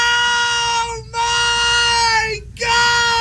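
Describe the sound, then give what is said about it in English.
A man on a livestream screams excitedly as a Pokémon card is pulled, a loud, strained, high-pitched voice held in three long bursts separated by brief breaths. “And so then the guy starts screaming, DJ!”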